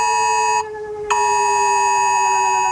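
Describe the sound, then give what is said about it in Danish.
A loud, harsh mobile phone emergency alert tone in Denmark, sounding on the yearly test day of the warning systems, the first Wednesday in May, blares steadily with a dense buzzing timbre, briefly dropping out for half a second before resuming at full volume. No voices are heard. “Og fra millioner af telefoner, som de fleste af os har lige ved hånden, der lyder det sådan her.”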